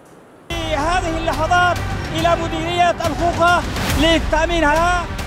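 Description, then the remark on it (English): A loud crowd of Houthi fighters chants and shouts, voices rising in rhythmic cries, while sharp gunshot cracks burst out repeatedly through the noisy, festive din as they celebrate seizing ground around Mocha on Yemen's western coast. “Gunfire, chants, and scenes of jubilation.”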